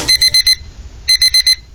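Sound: alarm clock ringing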